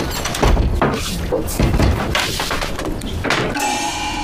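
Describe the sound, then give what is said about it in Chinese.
Several heavy knocks on a door, spaced unevenly over a few seconds, loud against a busy, noisy background. “你谁啊？你要干啥？ 敲个门。”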